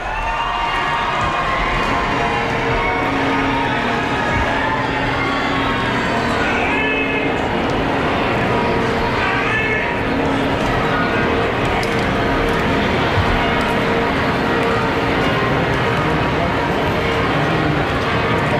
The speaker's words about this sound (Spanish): Las campanas de la Catedral de Barcelona ya repicando.